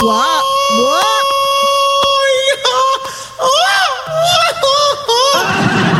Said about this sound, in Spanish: Y ese grito no fue efecto. Ese grito me lo aventé yo.